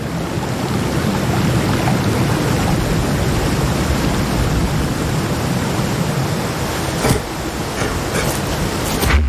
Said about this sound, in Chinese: 这道瀑布位于塔利亚门托河北部的一条支流上